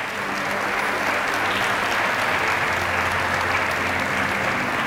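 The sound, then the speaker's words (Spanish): Loud, sustained applause from a large crowd bidding farewell to the family of radio broadcaster Mario Castro, a dense steady wash of clapping that holds at an even level for about five seconds with no voices standing out. “Despedimos a la familia de Mario Castro con un fuerte aplauso.”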